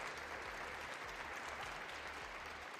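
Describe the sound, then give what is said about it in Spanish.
A crowd applauds steadily for the team of 40 people behind the Súbele a la Ciencia programme, a dense wash of clapping that holds at an even level for a few seconds with no voices over it. “Así que les pueden dar un aplauso, un por aplauso favor, a todos, para todos las ellos.”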